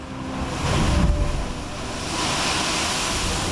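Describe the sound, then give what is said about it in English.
A deep, rumbling whoosh of surging seawater as big waves impact a sea blowhole near the wall of the wild cave El Bufador swells once and then subsides into a steady roar of spray and surf, with no voices present. “It's named for the sound made by the blowhole near the wall when big waves impact, like boof.”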